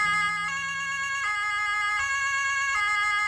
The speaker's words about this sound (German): Ja, so klingt eine Polizeiautosirene von dem Hammer Polizeipräsidium. Und wenn die zu hören ist, dann sind die Einsatzkräfte auf jeden Fall in Eile.